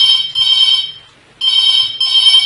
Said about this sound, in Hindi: देखो एक और कार्यक्रम में घंटी बजी तो उठाओ फोन